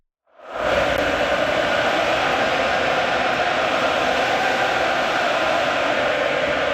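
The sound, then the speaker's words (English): A loud arena crowd of fans at a game roars and chants in a dense, unbroken wall of noise that swells in within the first second and holds steady to the end, with no single voice standing out. Recorded on a phone. “I mean, it's tough to get to sleep after a game like that when the crowd is doing things like this.”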